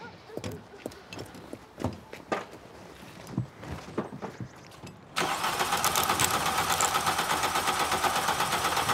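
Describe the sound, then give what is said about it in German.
A car engine running on only three cylinders because of a faulty fuel pump is being started. It cranks with uneven, stuttering strokes for about five seconds, then catches and roars into a loud, continuous run that holds until the end. “Bitte nur auf drei Töpfen laufen.”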